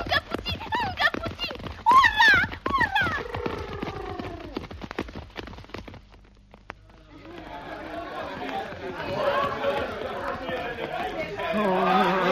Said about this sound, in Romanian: Nu știu, calul parcă turbat! Degeaba trag de hățuri, că nici nu se închisește! Hei! Așa zboară ca fulgerul căluț! Hei, oprește! Calul! Oprește!